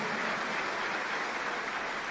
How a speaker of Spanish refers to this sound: Denle ese aplauso al Rey de Reyes y Señor de Señores.